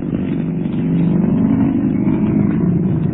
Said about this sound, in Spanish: El pequeño Solín se acomodó en el asiento mientras Calimán hacía funcionar la marcha de su Rolls Royce. Solín iba a comentar algo, pero prefirió quedarse mudo al ver a Calimán imprimir velocidad al moderno auto Sport.